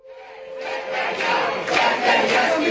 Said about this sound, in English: It's October 6th, and a crowd has formed at the Athens airport to welcome back around 160 flotilla members who have just been released